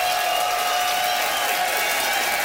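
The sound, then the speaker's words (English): A crowd applauds and cheers steadily for the full stretch, a dense, continuous wash of clapping with whoops mixed in, fairly loud and with no talking over it. The audience is voting by applause for comedian Charlie Demers, who argued that couples should renew their wedding vows. “It is up to you to decide, audience, by applause, who thought that Charlie had style for rewalking the aisles.”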